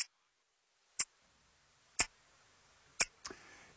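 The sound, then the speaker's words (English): A wristwatch ticks with crisp, isolated clicks exactly one second apart and a slightly doubled tick near the end. “That sound would be the ticking maybe of your father's watch when you put it next to your ear.”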